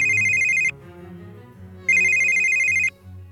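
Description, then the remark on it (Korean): A phone ringtone for an incoming call from a friend in the afternoon chimes in two bright bursts, each under a second long with a short gap between, playing over soft background music. “갑자기 친구한테 전화가 왔더라고요.”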